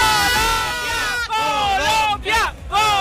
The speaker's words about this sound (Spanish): A ver, un grito de ánimo para Colombia antes de que empiece la segunda parte.